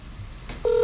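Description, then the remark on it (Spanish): A steady electronic tone from a mobile phone switches on abruptly and loudly near the end, after a stretch of quiet background hum, like a dialing or call tone starting as a call is placed. “Y llamando.”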